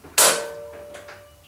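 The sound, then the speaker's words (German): A single sharp metallic clack as a door lock is unlocked by hand rings briefly before fading, followed by a few faint softer knocks as the door is pushed open with difficulty. No one speaks. “Doch die Tür ließ sich nur schwer öffnen.”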